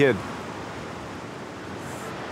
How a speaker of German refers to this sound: Der Strand von Pärnu. Es ist wie eine Zeitreise. Fantastisch. Windig, frische Luft.